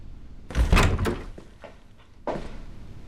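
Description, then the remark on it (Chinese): A door bangs open with a loud clunk and rattle as someone barges in without knocking, followed by a few lighter knocks, then another firm thud as it swings or settles, with no talking. “进门要敲门，这点礼貌都不懂吗？”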